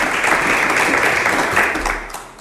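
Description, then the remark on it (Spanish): A live audience breaks into steady, dense applause for señor Belloso's short history masterclass on Onda Viajera, broadcast live from Valladolid; a full wash of many hands clapping together holds loud for a couple of seconds before starting to fade. “Le voy a pedir al público un fuerte aplauso para el señor Belloso por esa pequeña masterclass que nos ha hecho hoy de historia aquí en Onda Viajera, en directo desde Valladolid.”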